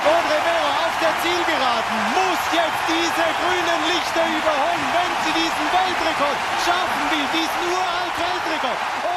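A large Swiss stadium crowd cheers steadily at an athletics meet as Swiss runner Audrey Verop of Fribourg wins the 800 metres in a new Swiss record, a dense, loud roar of many voices that holds for the whole stretch without letting up.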